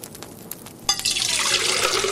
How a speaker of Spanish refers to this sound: El joven llenó la olla con abundante cantidad de agua y la puso sobre el fuego.